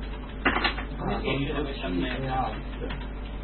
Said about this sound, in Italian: Come si è messa la tastiera? Ma qui è tornata a quello di prima. Come si sentirà ormai la tastiera qua?